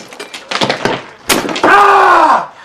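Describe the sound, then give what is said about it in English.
In a kitchen, sharp, hard knocks and cracking thuds as a man hits a large block of ice from the fridge freezer with a hammer build to one loud crack as he smashes his thumb, followed by a long pained vocal groan whose pitch slides downward. “He rummages about in the fridge freezer and takes out a large block of ice, which he hits with a hammer.”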